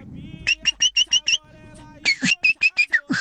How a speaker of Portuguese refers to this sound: Que é isso? Sabiá? Eu acredito que sim, né? Que é isso aí?